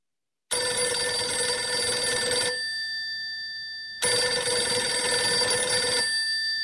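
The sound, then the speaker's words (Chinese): A telephone bell rings loudly in two long bursts of about two seconds each, separated by a short pause, with a bright, metallic trill and no one talking: a call from Wu Shaozhou at Nanpingji. “电话是吴少洲从南平级打来的，自25日110师直接归黄维指挥后，吴少洲第一次打来了电话。”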